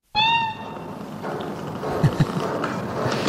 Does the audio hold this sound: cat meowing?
yes